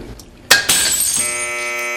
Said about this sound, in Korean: 낡은 벽에서 타일이 떨어져 깨진다.